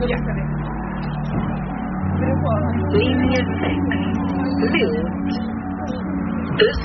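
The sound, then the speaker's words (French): A bus's engine rumbles steadily, its deep hum shifting slightly as the bus pulls in, with a crowd chattering indistinctly over it. “Le bus arrive.”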